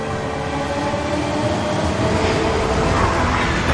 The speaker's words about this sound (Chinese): 在京张高铁上奔腾的复兴号动车组暗中有中国自主研发的北斗卫星导航系统，列车得以平稳准时地穿越高寒、风沙、山体等复杂地质，在世界上首次实现了时速350公里的自动驾驶